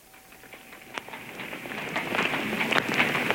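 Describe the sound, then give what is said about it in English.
Quick, hurried footsteps patter along a hard surface, growing denser and a little louder as they approach, with no one speaking. “I was barely a stone's throw from the Hare and Hounds when I became aware of hurrying footsteps behind me.”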